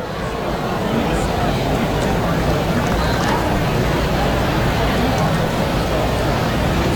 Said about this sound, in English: Good buzz in the crowd here on a Saturday night. Will be something close to a sellout by the time things are done here.